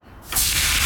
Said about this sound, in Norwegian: Hører du det, Heidi? Det er lyden av en grill, perfekt big beefy burger.